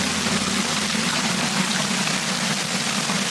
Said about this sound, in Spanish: Es el sonido del granizo caído ayer por la tarde en Castellfort, en el interior norte de Castellón. Granizo y rachas de viento de hasta 68 kilómetros por hora.